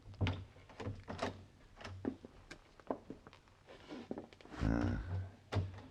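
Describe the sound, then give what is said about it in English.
A service entrance door reached through back halls is eased open quietly: scattered soft clunks and clicks of handling, then a short creaking groan near the end, with no talking. “I think this is the door, Mr.”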